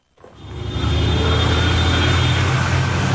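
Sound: city road traffic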